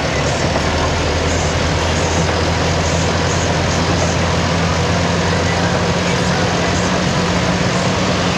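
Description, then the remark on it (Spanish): A vehicle's engine drones steadily with a low hum under a constant, loud wash of rain-like hiss, continuing unbroken for the whole stretch; a vehicle driving in rain on flooded Calle Caucao toward Rubén Darío in Valdivia. “Bueno, nos envía un video, por eso se escucha de fondo también el sonido del vehículo, algo de lluvia.”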